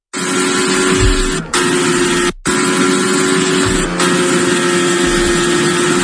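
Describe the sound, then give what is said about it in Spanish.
Fernando Alonso's Formula 1 car engine roars loudly and continuously during its first laps of the new circuit at the Spanish Grand Prix in Madrid, sounding a bit irregular, a dense buzzing drone with a couple of brief cuts, the pitch wavering as it laps the circuit. “Esto que escuchas es el sonido del monoplaza de Fernando Alonso.”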